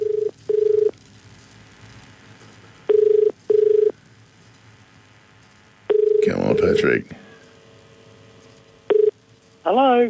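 A phone line rings in repeated double bursts of a steady electronic tone, with a short burst of dialing tones in the middle and a crackly, warbling connection noise at the end, as a River 1467 radio presenter phones a listener.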